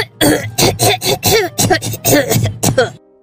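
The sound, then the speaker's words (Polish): A rapid series of about ten loud, forced coughs and throat-clearing bursts, evenly spaced, sounding theatrical and overdone rather than natural. “Ja mam wrażenie, że ten kaszel za bardzo próbuje, za bardzo się stara.”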